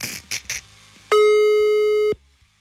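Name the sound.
telephone ringing tones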